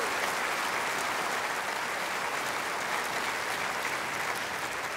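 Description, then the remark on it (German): Steady applause from an orchestra concert audience, a dense, continuous wash of many hands clapping at an even level for several seconds, with no voices standing out. “Ja, dafür können wir klatschen.”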